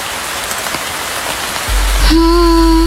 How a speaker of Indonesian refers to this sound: Suara hujan baru saja reda. Tetesan air dari atap terdengar perlahan.